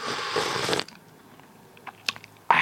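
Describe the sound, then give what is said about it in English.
A loud, airy slurp of tea from a china cup lasting under a second, followed by quiet with a few faint clicks and small knocks, then another noisy burst begins at the end. “Right, pick up your China cup and take your first slurp of the day.”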